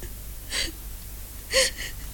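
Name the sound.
woman crying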